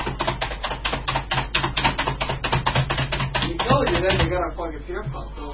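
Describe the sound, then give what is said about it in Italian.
Rapid, steady clacking of keys on a Sun computer keyboard, fairly loud, running for a few seconds before a voice begins speaking over the last of the taps. “Avete messo la tastiera Sun lì?”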